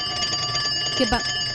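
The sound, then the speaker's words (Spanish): A telephone left in a radio studio rings during a live radio broadcast, a steady, high, bell-like electronic tone that holds throughout, while a short burst of voice cuts in briefly near the end. “¿Qué pasó ahí? El teléfono que dejaron acá.”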